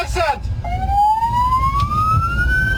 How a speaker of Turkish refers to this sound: İstanbul Maltepe'de hasta taşıyan bir ambulans, trafiğin kilitlenmesiyle yoluna devam etmekte zorlandı. Zamanla yarışan ambulans şoförü sirenlerini açarak yol istedi.